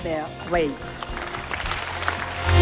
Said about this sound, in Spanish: Los aplausos al discurso sobre el estado de la Unión Europea de parte del hemiciclo en Estrasburgo, del Parlamento Europeo, a von der Leyen, la presidenta de la Comisión,